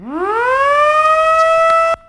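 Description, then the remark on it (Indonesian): A loud siren winds up from a low pitch into a sustained, steady harmonic wail, holding strong before cutting off abruptly near the end; no voices are heard. It sounds after President Prabowo Subianto presses the button inaugurating five dams across Indonesia, at the ceremony in Lombok, West Nusa Tenggara. “Suara sirene meraung-raung setelah Presiden Prabowo Subianto menekan tombol peresmian 5 bendungan di berbagai daerah di Indonesia.”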